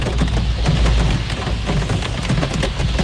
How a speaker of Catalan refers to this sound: Acabarem la connexió escoltant només la pluja tocalla